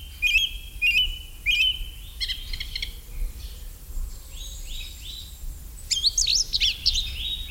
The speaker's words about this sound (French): Une cousine du merle, c'est la grive musicienne qui chante vraiment très très bien aussi.